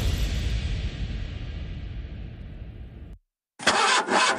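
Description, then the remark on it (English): A poorly running pickup truck (bakkie) engine sputters as it tries to start, a rough, low rumbling churn for about three seconds that cuts out abruptly, then a short loud burst as it catches again. “My bucky just made a noise like a lion clearing its throat.”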